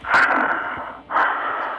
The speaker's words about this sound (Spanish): ¿Por qué jadeas? Ah, es que vengo de correr. ¿A poco sí corres en las mañanas? Fui a trotar un ratito al parque. Ajá. Y me canso.